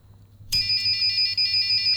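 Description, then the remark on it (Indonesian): A flame sensor alarm, triggered by a lighter flame pointed toward the sensor, suddenly switches on partway through, a loud, steady, high-pitched electronic buzz that holds continuously to the end with only slight wavering. No one speaks. “Yang penting arah flame sensor ke apinya tuh searah. Oh iya, ke api gitu ya. Maka ada bunyi seperti gitu, itu ya.”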